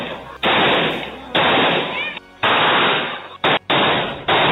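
A rapid series of at least six loud gunshots, each a sharp blast with a ringing tail, fired in uneven bursts close together by two helmeted criminals shooting at a victim, captured by security cameras.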